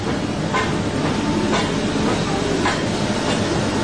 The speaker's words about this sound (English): And eventually, the little engine that could finally huffs and puffs into Metupalayam.